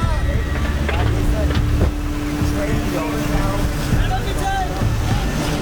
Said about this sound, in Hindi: कुछ एक गाड़ियों में हमने लकड़ी डाल रखी थी क्योंकि पानी का बहाव बहुत ज़्यादा तेज है कि कहीं गाड़ी बह ना जाए।